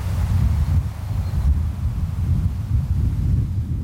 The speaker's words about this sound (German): In der Ferne rauscht das Meer, ein paar Vögel sind zu hören und sonst nichts. Besonders schön ist es hier in der Nebensaison, wenn nur das Meer rauscht und der Wind durch die Gräser streicht.